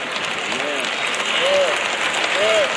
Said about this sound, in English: Y'all notice how the claps are getting lower and lower and lower.